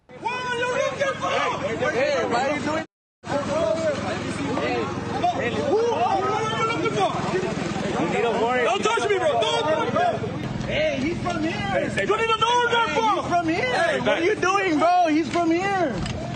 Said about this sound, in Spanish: Según reportes, agentes de ICE detuvieron a un trabajador mientras se encontraba en el lugar. Durante el arresto, algunos de sus compañeros se escuchan gritando, él es de aquí.